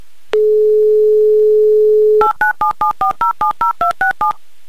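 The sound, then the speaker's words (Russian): A steady low dial tone hums for about two seconds, then gives way to a quick run of eleven short, evenly spaced touch-tone beeps as a mobile phone number is dialed on a phone-in show. No voices. “Так, номер набрали.”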